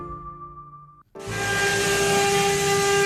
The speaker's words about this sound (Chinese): 刻刀划过黄杨木的细碎声，混着 3D 雕刻机的运转声，在温州永嘉工艺美术园的雕刻厂里此起彼伏响起。